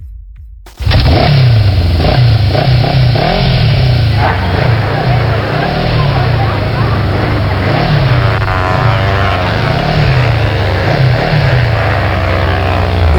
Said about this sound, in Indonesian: Ini anak-anak, peributkan sana dorang pe motor. Hama, mana ada sakit kepala begini? Pe kuat sekali balap-balap.